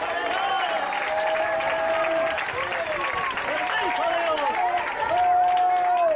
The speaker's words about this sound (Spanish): Gloria a su nombre, al Señor ese aplauso desde lo fuerte.